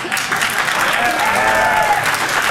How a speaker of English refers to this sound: They're applauding her. They're not applauding you.